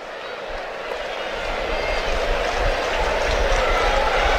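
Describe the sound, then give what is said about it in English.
A large crowd at a St. Louis Cardinals baseball game in downtown St. Louis, on the night Yadier Molina and Albert Pujols were inducted into the Cardinals Hall of Fame, cheers in a dense, continuous roar that swells gradually louder over a few seconds, with no distinct voices standing out. “Big crowd here in downtown St. Louis on a night when Yadier Molina and Albert Pujols were inducted in the Cardinals Hall of Fame.”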